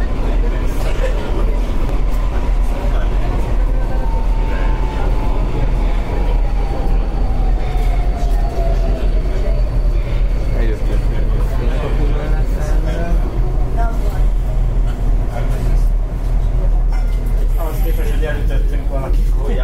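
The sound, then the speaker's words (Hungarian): From inside a moving driverless train running automatically, a loud steady rumble sounds as an electric motor whine slowly slides down in pitch, with faint voices murmuring beneath the noise. “a babát, akit elütünk, az most fogjuk berakni a vonat alá”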